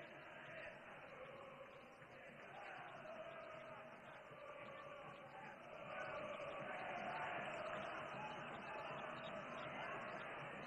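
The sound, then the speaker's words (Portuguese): A large crowd of São Lourenço football supporters roars and chants during a match, a continuous dense wall of cheering that swells louder midway and stays sustained, with no clear words. “Outra torcida do São Lourenço.”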